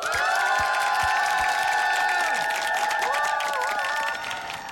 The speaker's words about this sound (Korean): 네, 오늘 새 아침 모닝 루틴 실천하고 갈게요. 기상에 성공한 모든 분들께 박수!